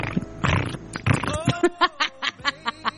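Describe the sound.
A voice imitates a cat's purr, starting with breathy, raspy bursts and settling into a steady train of short, rhythmic throaty pulses, moderately loud, with no other talking.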